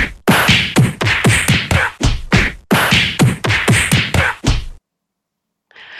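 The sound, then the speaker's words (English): A rapid barrage of punch sound effects, sharp thwacking hits landing in quick succession, the same loud flurry repeating twice before cutting to silence. “Oh, the punches?”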